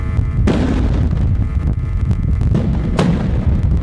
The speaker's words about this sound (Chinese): 此次演练模拟炼化企业装置突发故障引发爆炸，叠加管廊火灾、危化品泄漏、槽罐车爆燃等多重险情，多类灾害同时发生，多名人员被困，现场形势十分危急。